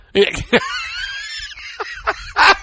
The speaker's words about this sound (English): He awakens by the crow of a rooster.